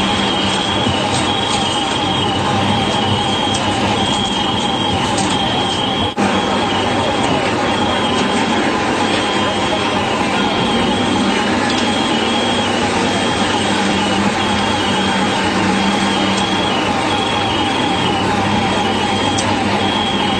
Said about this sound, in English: This is the sound that the camera crew heard at the World Trade Center the afternoon of September 11th. What sounds like car alarms are over 300 pass devices under the rubble of the firefighters no longer moving.